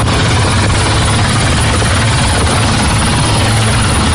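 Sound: helicopter flying overhead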